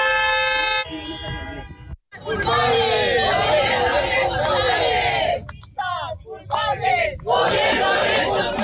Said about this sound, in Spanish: Dentro del recinto, varias personas han protestado contra la presidenta, mientras en el exterior, activistas de colectivos sociales, como el Sindicato de Inquilinas, bloqueaban los accesos.